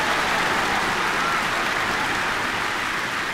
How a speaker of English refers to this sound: Thank you, fans. Yes, wonderful to be with you this afternoon. No, they're not applauding for me.